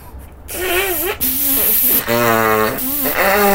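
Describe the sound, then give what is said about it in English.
A loud nose blow into a handkerchief: a breathy, hissing rush of air followed by several wavering, honking trumpet-like blasts that run almost continuously. “Good God, you blew me hanky into the sea.”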